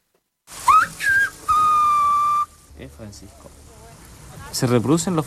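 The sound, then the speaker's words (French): Whistled speech reproducing Spanish (Castilian) phonemes: a loud, clear whistle glides up and down in speech-like contours, then holds a long steady tone, mimicking spoken syllables; afterward a person talks softly in the background. “On reproduit les phonèmes castillans. Tu siffles Francisco et en fait, tu détaches Francisco.”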